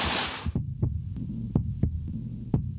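A recorded heartbeat of a female military officer thumps in a steady rhythm, several low beats pulsing over a dull hum, with a brief burst of hiss at the very start and no voices.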